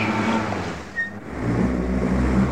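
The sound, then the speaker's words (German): A car engine rumbles, briefly dipping in loudness before swelling again as the car rolls forward over a sack of grapes, with no voices. “Jetzt fährt er noch mit seinem Schnapskarrer über deinen Sack Trauben um.”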